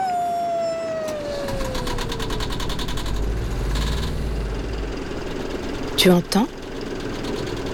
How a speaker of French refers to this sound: C'est le son du Vaporetto. Le Vaporetto, c'est un peu l'autobus des habitants de Venise. Mais un autobus sur l'eau.